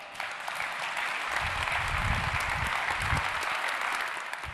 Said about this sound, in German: Insofern bitte ich nochmal um einen riesigen Applaus für die Grußworte für Dirk Panther.